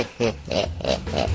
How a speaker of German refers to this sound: Inzwischen machen das ganz viele nach, filmen ihre Katzen also, pitchen das dann und dann kommt das hier raus. Das ist eine echte Katze.